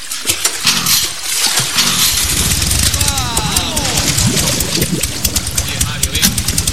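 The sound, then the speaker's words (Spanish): Someone tries to start an engine: it turns over and catches, its rising whine sweeping upward midway through, buried in dense, loud rumbling noise with indistinct voices mixed in. “Mario intenta arrancar el motor.”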